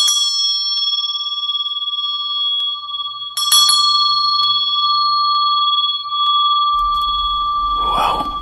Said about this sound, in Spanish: El otro extremo del hilo se ataba a una campana que quedaba en la guardia, de manera tal que si la persona se movía y reaccionaba, iba a hacer sonar la campana.